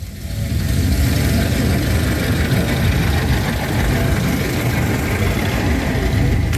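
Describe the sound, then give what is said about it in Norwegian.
A vintage car engine runs steadily while driving, a loud, continuous low rumble with a rough mechanical texture, holding a constant level throughout with no voices. “Og apropos motoren, vi skal jo høre lyden av en i fart.”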